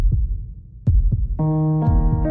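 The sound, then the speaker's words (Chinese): A deep, muffled heartbeat thumps in slow, low lub-dub pairs, with a steady synthetic tone swelling in underneath partway through. “你有几耐冇好好听自己嘅心跳啦？”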